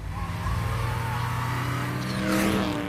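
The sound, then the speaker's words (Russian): A small Smart car drives through Rome, its engine humming steadily with road rumble, then revving higher briefly near the end as it speeds up. No one speaks. “Поездки по Риму на автомобиле ободряют, особенно на смарте.”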